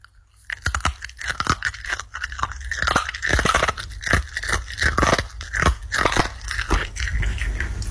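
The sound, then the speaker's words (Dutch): A dog named Scotty crunches steadily on a hard crunchy treat, with loud, rapid, irregular crunching bites and chewing continuing for several seconds with no talking. “Onze hond Scotty, die een lekkere crunchy zit te eten.”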